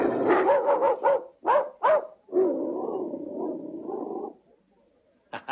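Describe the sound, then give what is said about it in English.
A man's voice imitates a dog, giving a rapid run of short barks, two sharper yaps, then a long drawn-out growling whine, and a brief bark at the very end. “I can do a very good dog. Listen.”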